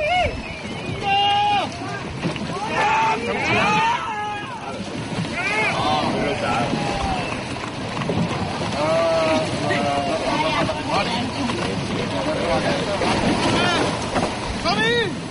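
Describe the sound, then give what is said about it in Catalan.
A traditional lifeboat show out on the sea at Calafell at night, with steady wind and sea noise, while a crowd of people shout and chatter loudly and continuously over it. “Els que encara es van quedar a l'aigua van gaudir de l'espectacle del tradicional bot salvavides.”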